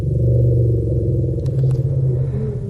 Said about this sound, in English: Have you ever heard an elephant rumble?